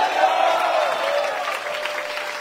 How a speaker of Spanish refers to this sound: Un fuerte gloria a Dios y un aplauso a Él.